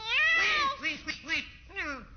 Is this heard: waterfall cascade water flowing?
no